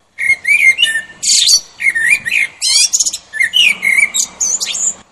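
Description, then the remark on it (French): A blackbird sings from its perch, loud and clear, with a continuous run of warbling, fluting phrases and quick chirps, each separated by brief pauses, and no voices. “Moi, je ne suis qu'un merle, mais de mon perchoir, je vous vois tous saccagés, en vous disant, ça va bien passer, mais un jour, ça passera plus.”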